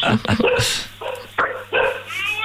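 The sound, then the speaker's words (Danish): Several dogs bark in short, repeated bursts in Hejnsvig, the yaps overlapping and coming in uneven clusters, with some voices mixed in among them. “Altså, hunde, kan vi høre.”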